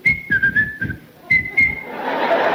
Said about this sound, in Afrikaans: Nou leer die mannen daar boer mekaar, deer mekaar, onder mekaar, allemaal soep vir die bal, die scheidsrechter dat blaas op sy fluitje.